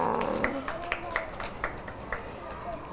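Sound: children clapping hands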